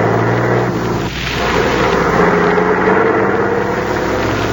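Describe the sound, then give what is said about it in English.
A truck rolls along the main highway with a steady, loud engine drone and road rumble that hold continuous throughout, with no one speaking. “Well, for a while there, I thought there weren't any trucks on the road anymore.”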